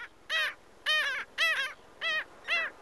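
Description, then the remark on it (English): Five harsh, nasal barking calls from a black skimmer, evenly spaced about half a second apart, loud with no talking over them. “This is WSHU's Bird Song Break, calling our region's sandy beaches home for the summer. It's the black skimmer.”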